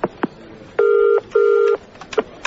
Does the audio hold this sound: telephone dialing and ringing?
yes